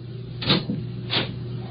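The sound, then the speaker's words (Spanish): A door being opened: two muffled wooden clunks roughly half a second apart, set against a low, steady background hum, with no one speaking. “Ábrame. Aguarde.”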